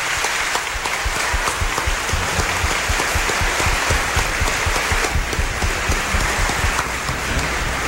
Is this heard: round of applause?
yes